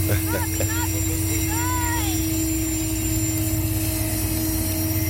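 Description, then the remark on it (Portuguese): A heavy, loaded freight train, led by locomotive 9922 nicknamed Bradona, rumbles past, a loud, steady roar with a deep engine hum that holds throughout, while brief voice-like sounds rise over it near the start. “E esse trem que vai passar aqui agora é um trem carregado.”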